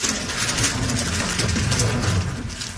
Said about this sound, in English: That is the clicking sound of a Rubik's Cube being speedily solved by a 6-year-old.